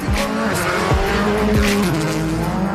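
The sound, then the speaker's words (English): Championship leader Tony Sinnerland's rally car roars at high revs along daunting, narrow, bumpy roads in the ERC's Welsh round, its engine pitch climbing and dropping sharply through rapid gear changes, with gravelly tire noise and skidding underneath, loud throughout. “Championship leader Tony Sinnerland screaming through the daunting, narrow, bumpy roads to take over the top spot.”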